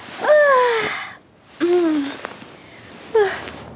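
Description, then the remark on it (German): A big, drawn-out yawn, loud: three breathy, groaning bursts with pitch sliding downward, separated by short pauses, with no talking, as Conny wakes up early in the morning. “Früh am Morgen wacht Conny mit einem großen Gähnen auf.”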